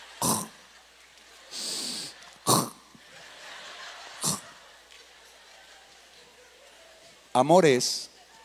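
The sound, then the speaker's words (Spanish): A voice imitates a sleeping woman's gentle, refined snoring: several soft, breathy puffs and snorts spaced a second or two apart, then a brief throaty, voiced snore near the end. “Y está roncando, pero es un ronquido muy fino, muy selecto.”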